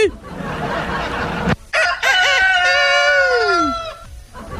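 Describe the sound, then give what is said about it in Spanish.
A rooster crows loudly, one long drawn-out call with a harsh, strained start and a falling finish, preceded by a burst of noisy rustling. “Es el que anda ahí, va, es el gallo, mi hijo, es el gallo”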